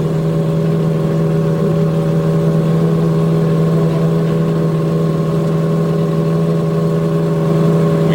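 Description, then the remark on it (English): Race car engines at the start of the Indianapolis 500-mile race drone together in a steady, low, buzzing hum with a strong fundamental tone and layered harmonics, holding an even loudness throughout with no voices. “Everything appears to be okay on the racetrack, and now we get set to do what we had worked toward all month, start this Indianapolis 500-mile race.”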